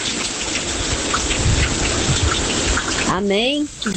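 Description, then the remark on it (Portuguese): Steady rain pours down in Natal in a dense, continuous hiss that fills the whole recording, with a voice briefly breaking in near the end. It has been raining continuously since Thursday. “Desde sexta-feira, né, desde quinta-feira que chove direto.”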